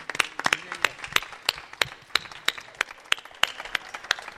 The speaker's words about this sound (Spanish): Y ya que estoy aquí y no me vaya a olvidar ya bastante gente, pido un aplauso para un señor que está sentado allá, que se llama